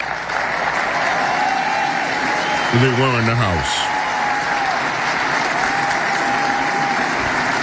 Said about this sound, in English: Now, what is happening here as this applause goes on, and it continues to go on, is that Donald Trump looked out among the crowd after he asked if they were here, and yes, they were there. They were pointed out to him.